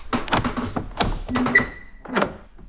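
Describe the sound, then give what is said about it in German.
A door is opened: a run of knocking thunks and latch clicks, then a brief squeaky creak and a final clack, with no voices. “Mach die Tür auf.”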